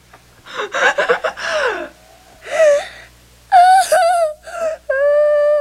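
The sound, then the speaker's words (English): A baby boy, just taken out of an airtight cooler where he had stopped breathing, draws several ragged, breathy gasps, then breaks into short whimpering cries that grow into a sustained, high wail. “He is now.”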